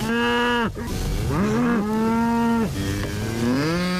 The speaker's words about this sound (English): we're going to let out the cows. Let the cows out.